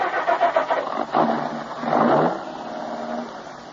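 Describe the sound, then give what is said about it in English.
A car engine cranks with a rapid stuttering whir, catches and revs briefly before settling into a steady idle, fairly loud with no voices. “I glanced at her closely for a moment, then started the car.”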